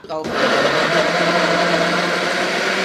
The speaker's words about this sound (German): Okay, also dann nehmen wir das jetzt so hin und schneiden die Tomaten in grobe Stücke. Und schmeißen die in den Mixer.